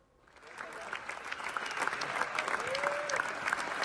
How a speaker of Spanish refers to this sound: Siete minutos de ovación recibieron Pedro Almodóvar y todo el elenco de Amarga Navidad anoche en Cannes tras la proyección de la película en competición oficial, y Almodóvar lo agradeció, como ven, emocionado.